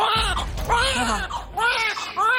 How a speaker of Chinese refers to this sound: 似乎是感召了彼此的存在，两个顽强的宝宝大声地哭了起来。